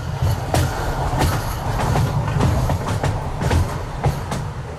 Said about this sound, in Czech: Před Freibergem vede přes řeku Muldu vysoký viadukt, po kterém už skoro dvě století jezdí vlaky.